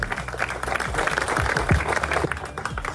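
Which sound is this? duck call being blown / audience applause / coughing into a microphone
audience applause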